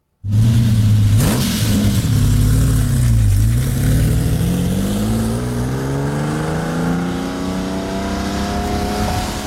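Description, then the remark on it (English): A Lamborghini Countach engine revs loudly, its deep growl dipping briefly before climbing steadily in pitch as it accelerates, continuous for about nine seconds with no voices. “We got a clip, Shane, if you want to hear what the Countach sounds like.”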